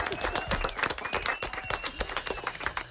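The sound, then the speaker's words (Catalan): A crowd breaks into loud, sustained applause, a dense, steady clatter of many hands clapping for about three seconds, with a faint voice mixed in underneath. “Fort aplaudiment”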